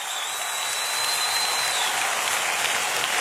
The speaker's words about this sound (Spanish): Vamos a dar gracias a Dios. Su amor es para siempre, amén. Fuerte ese aplauso.